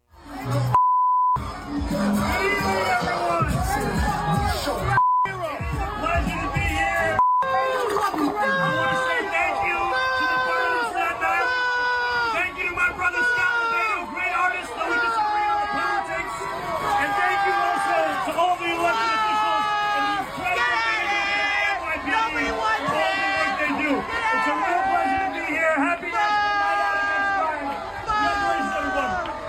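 A loud crowd of people on Staten Island boos, yells and curses without letup at the mayor during his short one-minute address at an NYPD event, many voices overlapping into an angry roar. Three short, high censor bleeps cut in during the first few seconds.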